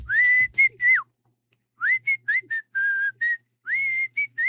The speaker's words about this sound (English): We have a lot of cockatiels. And they already know how to sing.